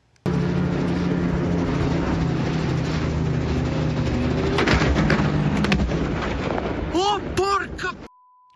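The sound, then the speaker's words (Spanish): A loud, steady mechanical roar of a helicopter rotor, broken by a couple of sharp crashing impacts midway as the helicopter hits cable car wires, then warbling metallic swooshes before it suddenly cuts off as it crashes, in a mountainous area of the Alps in northern Italy near the Swiss border. “Dos personas murieron cuando el helicóptero en el que viajaban chocó contra los cables de un teleférico y se estrelló en el norte de Italia.”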